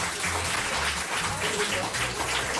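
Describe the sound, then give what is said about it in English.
A canned applause sound effect played by mistake when a button is pressed accidentally: a burst of steady, fairly loud applause, many hands clapping densely together for a couple of seconds. “No, we don't want applause.”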